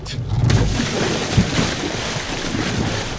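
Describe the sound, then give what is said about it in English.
Steady wind buffets over lapping water around a small boat, a continuous rush with a few low knocks and creaks rising briefly from the hull. “Sit down, Nico, you'll rock the boat!”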